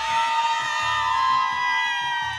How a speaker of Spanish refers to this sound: Y nos están escuchando y tenemos que tener los efectos especiales. ¡Grito de las porras!